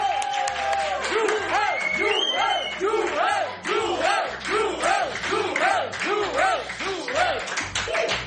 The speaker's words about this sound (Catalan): Rebem amb un fort aplaudiment a Joel Díaz.